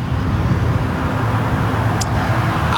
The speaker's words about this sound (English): The front lobby of the building right behind me, the sun in the sky, traffic seems to be moving pretty good at this stretch. Nothing to complain about at all.